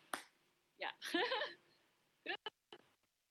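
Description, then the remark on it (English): One sharp, crisp hand clap rings out at the start, a single clap from an audience member asked to clap one time for the show, followed by a brief stretch of muffled voices and a few quick, short taps or clicks near the end. “So if you like, just clap one time, then I have that already.”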